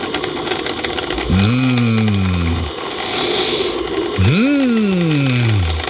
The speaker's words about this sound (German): Das Geräusch unserer Kaffeemaschine. Mein absolutes Lieblingsgeräusch in der Früh.